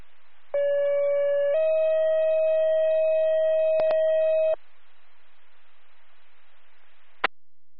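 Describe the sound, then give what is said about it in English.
A two-tone emergency dispatch pager retone over a radio channel, calling Andy's EMS for a second ambulance to a car-versus-deer accident on State Highway 30: a steady tone for about a second, then a slightly higher tone held for three seconds, with background hiss and a few sharp clicks. “Yes, please, retone.”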